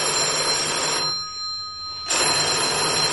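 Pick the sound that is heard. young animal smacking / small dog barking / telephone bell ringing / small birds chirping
telephone bell ringing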